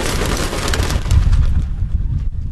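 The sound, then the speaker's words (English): Birds cooing and stirring inside a barn, with a steady rustling, scratchy background and low rumbling coos, continuing throughout with no voices. “But then maybe next year, one of those birds will come back in this barn, and I'll get to raise its chicks.”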